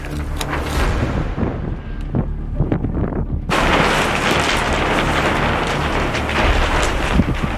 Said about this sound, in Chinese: 三月的考古工地仍是阴晴不定。一阵大风吹过，天气说变就变。 哎呀，起风了！